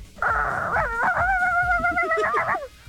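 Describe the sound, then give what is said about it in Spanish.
A skinny yellow dog lets out one long, wavering whimpering howl lasting a few seconds, loud, rising and dipping in pitch before trailing off, with no talking over it. “¿Ese perro tiriciaco qué, güey?”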